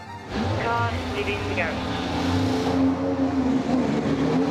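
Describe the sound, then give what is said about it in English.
An RB20 Formula One race car engine fires up abruptly after a split second of quiet, then holds a loud, steady high-pitched drone with a deep rumble, with indistinct voices faintly underneath. “Firing up, the car is ready to go.”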